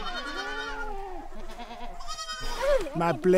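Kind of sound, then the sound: animal, goats bleating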